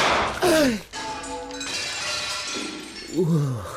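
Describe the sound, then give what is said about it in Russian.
A sharp gunshot cracks, then a giant trophy cup bearing an inscription shatters with a crash and lingering high metallic ringing tones that slowly fade. Voices briefly exclaim at the start and again near the end. “Что, вы могли бы поздравить меня с хорошим выстрелом?”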